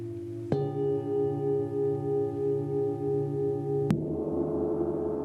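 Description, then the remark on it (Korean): A singing bowl played during a sound meditation session at a Buddhist temple rings with a steady, shimmering hum of stacked harmonic tones, gently pulsing in loudness for about three seconds before a sharp cut to murmuring background sound. “노래한다 해서 싱잉 볼이에요.”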